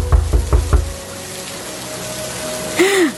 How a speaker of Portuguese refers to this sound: Uma senhora veio atender resmungando. Quem será que está batendo a porta essa hora? Com essa chuva eu vou ter que abrir a porta.